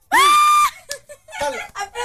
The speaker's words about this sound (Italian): Applauso. Ci sono. Provate a immaginare quanti sono sulla base di questo applauso. Secondo te, quanti sono?